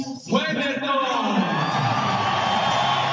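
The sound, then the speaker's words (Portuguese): A large stadium crowd of fans erupts in loud, sustained cheering and applause for goalkeeper Weverton as the team lineup is shown on the big screen, with whoops and shouted voices rising at the start before settling into a steady, dense roar. “Bacana, bem aplaudido o nosso goleiraço.”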